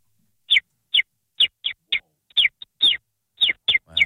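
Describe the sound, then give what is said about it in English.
A person whistles an imitation of a bird call: a series of about ten short, bright chirps in an uneven rhythm, fairly loud, with no talking. “So I think the way to test if this is truly an amazing bird is for you just to just crack into your bird.”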